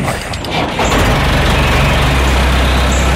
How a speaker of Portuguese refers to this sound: Cuidado com o trator. Tenho de cortar o mato.